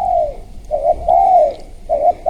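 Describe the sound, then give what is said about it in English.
A dove, the tekukur bird of Singapore after which Pulau Tekukor is named, coos in a soft, rounded series of low hooting notes, three or four phrases in a steady rhythm, clear with no one speaking. “there is a bird here in Singapore that makes quite a unique sound as well”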